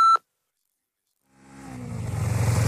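A single short, loud electronic beep like an answering machine signal, followed by a pause of silence and then the rumble of a vehicle engine swelling up.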